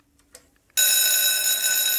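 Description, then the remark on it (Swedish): After a brief near-silent pause, a loud electric school bell bursts in and rings continuously to start the autumn term, a harsh, sustained metallic clatter with no voices. “Ja, så här lät det nog på många platser. Det ringde in till hösttermin på många skolor i länet.”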